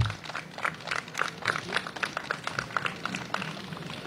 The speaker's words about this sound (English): So please give her a big round of applause and a warm welcome.